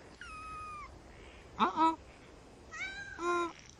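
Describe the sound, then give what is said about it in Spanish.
Several high-pitched meows from escaping kittens, fairly loud, come in quick succession with short pauses between them. The mews rise and fall in pitch, some drawn out and some clipped. “Hermanos, hermanos, los gatitos se están escapando.”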